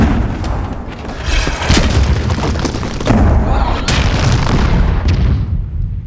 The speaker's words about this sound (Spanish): ¿Qué es eso? ¡Una bala! ¡Contesten el fuego! Esos cañones.